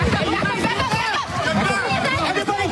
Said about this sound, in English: You can hear the fear in their voices there. The moment people took off running after that explosion.